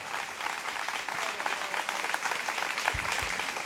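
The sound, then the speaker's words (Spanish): A crowd claps steadily and energetically throughout, a dense, continuous wash of many hands applauding together, sustained at even loudness from start to finish; the audience is applauding Christ at an evening church service. “Fuerte ese aplauso al Cristo en la gloria esta noche.”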